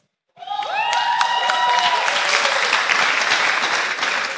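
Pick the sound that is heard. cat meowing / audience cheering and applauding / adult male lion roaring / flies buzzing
audience cheering and applauding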